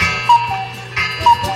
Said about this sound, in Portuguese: Olha aí, olha o despertador aí, rapaz. Acerta aí o seu relógio, hein? Acerta aí o seu relógio.